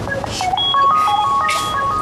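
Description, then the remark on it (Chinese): A phone ringtone for a call from the hospital plays a short electronic melody of bright, stepping tones at moderate volume, with soft bursts of background noise washing in and out. “医院电话”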